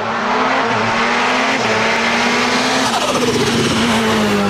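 Race cars, including sprint cars, Formula 500s, wingless sprints, modifieds and junior sedans, roar loudly and continuously around Walsh's Auto Cairns Speedway, engines droning at a steady pitch with a rising, sweeping whine as a car passes. No one speaks.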